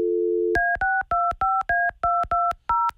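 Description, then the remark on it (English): A brief steady dial tone gives way to a quick run of about ten beeping touch-tone keypresses as a phone number is dialed to call a woman again after she did not pick up, clear with no voices. “Can you guys call her again? Yeah. Hold on. Let me call again.”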